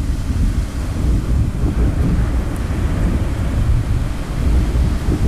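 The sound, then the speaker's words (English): Deep, continuous rumbling of thunder from a brewing storm rolls on without a break, loud and heavy in the low end, with a windy, rain-like hiss layered over it and no voices. “Storms are brewing.”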